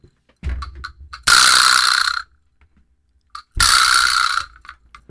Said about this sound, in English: we are going through some songs that feature or use the vibraslap, which is a fun little percussion instrument. Gives you that little rattle. I actually have one in studio, just to remind you. So let me play it really quick.